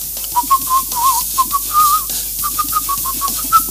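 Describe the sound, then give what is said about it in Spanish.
Someone whistles a simple, steady melody in short connected phrases, the notes gliding up and down at a moderate pace, clear over a faint background hiss. “No se sabe cuál es la canción, pero de qué silba silban.”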